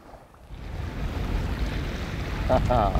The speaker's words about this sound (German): Und jetzt nur die Natur, ohne Motorgeräusche. Das Wasser pur genießen.